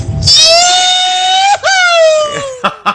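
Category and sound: human body sound, man screaming loudly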